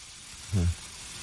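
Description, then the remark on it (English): A steady, faint sizzling hiss of an elixir poured onto a woman's body, eating away at her skin, runs through the whole moment, with a brief low, buzzing groan-like sound rising over it halfway through and then fading. “The elixir is eating away at her skin.”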